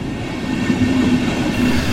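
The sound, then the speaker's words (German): An S-Bahn commuter train on the S1 line rumbles steadily along the rails out of Munich north toward Freising, a dense low roar with a faint tonal hum rising briefly in the middle, continuous with no voices. “Mit der S1 geht's aus München raus in den Norden, in die Domstadt Freising.”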